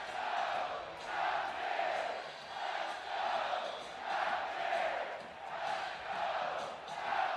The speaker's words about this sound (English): A raucous crowd here in Morgantown. It's how they've been the past 2 weekends. A lot of these West Virginia fans, though, I think hoping that this might be the last time they see him in Kendrick Family Ballpark this year.